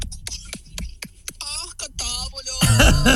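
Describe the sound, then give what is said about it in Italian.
Eggs being whisked in a bowl while making a batter, a quick run of sharp, evenly spaced clinking taps, then continuing more loosely beneath a voice that comes in partway through. “Voleva cercare di stava sbattendo le uova, voleva cercare.”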